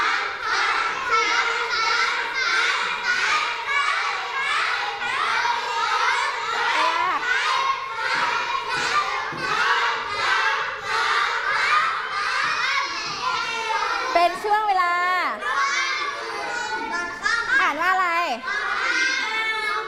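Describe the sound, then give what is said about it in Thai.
Children play football outdoors with friends during the midday lunch break, a dense, lively crowd of young voices chattering and shouting nonstop, with some high excited squeals rising near the end. “ใช่แล้วค่ะภาพนี้เป็นช่วงเวลาตอนเที่ยงเป็นช่วงเวลาพักกลางวันเด็กๆก็จะมาทำกิจกรรมกันนั่นเองมาทำอะไรเอ่ย เล่นฟุตบอล มาเล่นฟุตบอลนั่นเองนะคะเป็นการทำกิจกรรมร่วมกับเพื่อนๆนะคะเป็นช่วงเวลาตอนเที่ยง”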